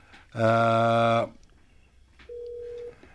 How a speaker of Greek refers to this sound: Τηλέφωνο.